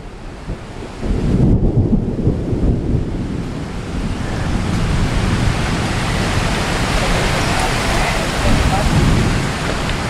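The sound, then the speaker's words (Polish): Steady, heavy rain hisses across the whole recording by the Madeira River, with low, rolling rumbles of distant thunder swelling underneath at a couple of points, from lightning striking the far bank. No one speaks. “Niestety deszcz, który przyszedł, spowodował, że trzeba poczekać godzinę. W oddali widzę pioruny, które uderzają w drugi brzeg.”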